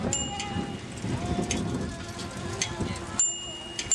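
Steady rain patters down, a continuous hiss dotted with small droplet taps, holding a fairly even level for the whole stretch with a slight shift near the end.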